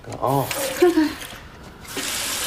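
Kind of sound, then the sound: household object, water running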